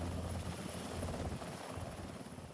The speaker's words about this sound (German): Für die Feuerwehrleute der Freiwilligen Feuerwehr Friedrichskoog war das ein ungewöhnlicher Einsatz. Zum Brand geht es nicht mit Feuerwehrautos, sondern mit einem Hubschrauber der Bundeswehr.